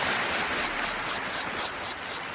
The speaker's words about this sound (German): Jura-Heuschrecke zirpt. Ja, Grazer Forscher haben das rekonstruiert, dieses Geräusch anhand der versteinerten Flügelabdrücke, die man da so gefunden hat. Alles ein bisschen eine komplizierte Geschichte, aber die Grundessenz ist dieses Geräusch hier.